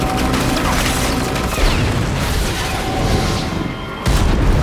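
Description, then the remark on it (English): Loud, dense gunfire mixed with heavy crashing explosions, a continuous thunderous roar with rumbling booms and a sudden fresh blast near the end, as Katniss and Gale shoot at two hovercrafts, which crash down, one slamming into a towering chimney. “Katniss and Gale shoot.”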